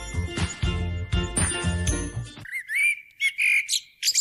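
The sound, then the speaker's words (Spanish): Tinkling, chime-like music cuts off abruptly, followed by clear bird calls of a common blackbird, yellow-legged gull, red kite and common chiffchaff: bright, high whistles and chirps in several short bursts with brief pauses between them. “Mirlo común. Gaviota patiamarilla. Milano real. Mosquitero común.”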